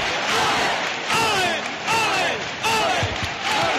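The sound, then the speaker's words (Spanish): A dense crowd inside the sanctuary of the Virgen del Rocío applauds, cheers and shouts in loud, repeated surges before 3 in the morning, as the Sin Pecado banner faces the Virgin, voices rising together in rhythmic waves of acclamation. “La gente en el interior del santuario no para de aplaudir. Ahora vemos el sin pecado de frente a la Virgen del Rocío. Comienzan los vítores.”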